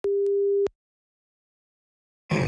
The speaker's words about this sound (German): Es läutet.